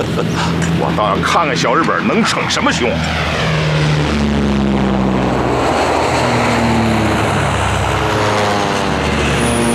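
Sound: airplane flying overhead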